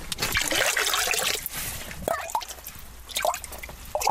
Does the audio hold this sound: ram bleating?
no